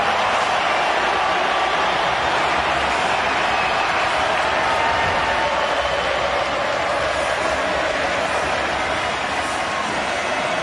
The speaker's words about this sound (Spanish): Lo que aparece Messi se transforma en aplauso. Impresionante.